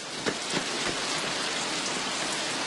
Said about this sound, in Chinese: 啊，好大的雷声，我会真要下雨了吧？ 这鬼天气怎么说变就变？ 下雨了，真下雨了， 快下大雨了，大家赶紧躲雨去。